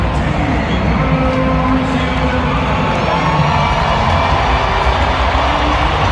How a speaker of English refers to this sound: Well, Mauricio Dubon will be introduced here. And he's about to get a standing ovation, I'd imagine.